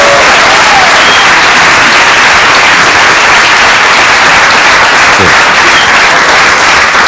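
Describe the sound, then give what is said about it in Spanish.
Loud, sustained applause from a sizable audience, a dense unbroken wash of clapping that holds steady for about seven seconds with no voices standing out. “Un aplauso para”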